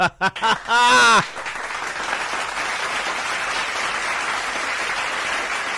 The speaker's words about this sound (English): Everybody, just wake them up with a round of applause. Thank you.